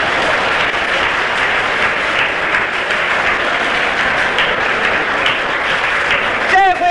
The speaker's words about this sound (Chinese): 各位听众，庄则栋的高超球艺、充沛的体力、顽强的战斗意志和他惊人的速度，再一次博得了全场观众的起立欢呼：中国，庄则栋，庄则栋，中国， 庄则栋，中国。